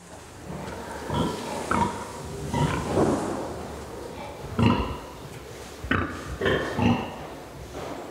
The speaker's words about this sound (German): Ich denke mal, die unterhalten sich untereinander. Die Sauen sehen sich nicht, deshalb grunzen sie